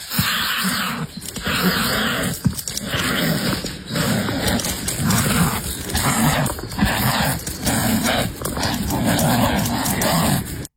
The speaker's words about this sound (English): Crikey, they're certainly vicious. So what do you think they are? Wild dogs? Hyenas? Maybe bears? Actually, they're two kiwi. Two female kiwi kicking and battering each other in a rare wildlife encounter that experts say is a sign of conservation